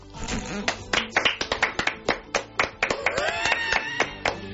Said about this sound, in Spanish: Y esto lo aplaude.